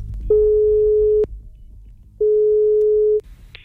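Two long, steady electronic tones of an outgoing phone call to Ørjan Nyland ringing, each about a second long with a pause between, mid-pitched and loud, followed by a brief click as the line connects.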